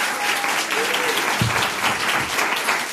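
Steady audience applause, a dense crackling wash of many hands clapping at an even level throughout, with a few faint voices and a brief low thump partway through.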